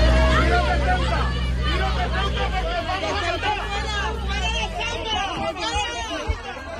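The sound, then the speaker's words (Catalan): A dense crowd hubbub of many overlapping shouting voices, loud, with a low engine rumble underneath at first that fades after a few seconds, as dozens of people in Ceuta throw eggs and stones at a female deputy's car. “I a Ceuta s'han viscut moments d'atenció quan desenes de persones han llançat ous i pedres contra el cotxe d'una diputada.”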